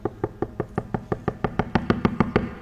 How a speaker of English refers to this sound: he's just knocking.